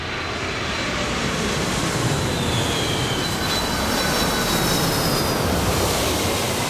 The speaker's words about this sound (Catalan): Aleshores, en aquests casos, la Kalpana i el seu pare solen anar a l'aeroport, sí. que els hi queda a prop de casa. Es passen el dia mirant com s'enlairen i com aterren els avions.